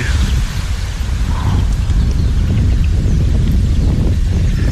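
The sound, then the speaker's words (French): Steady wind buffets the microphone outdoors, a loud continuous low rumble with gusty roughness lasting throughout, with faint rustling in the background and no voices. “Non, bouge pas, il y a du vent.”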